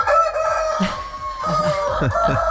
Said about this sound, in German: Und heute wird gegackert. Und gekräht. Gleich 7:10 Uhr schalten wir nach Kolditz in den Hühnerstall.